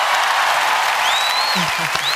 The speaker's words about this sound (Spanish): Fabuloso. Muy bien. Ovación para la creadora de nuestra nueva sintonía. Olé, olé, olé.